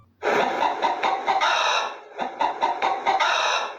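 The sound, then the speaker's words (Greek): A hen clucks continuously in two busy bursts of rapid, nasal, harmonic cackles, with a brief dip in the middle; loud and alone, no talking. “Ήτανε, παιδιά, τι άλλο κάνει κοκοκό, παρά η κότα!”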